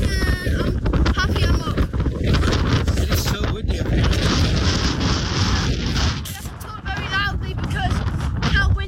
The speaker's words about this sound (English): Yeah, it was crazy. 20 miles an hour winds as standard, and then gusts far exceeding that. It was crazy up at the top there.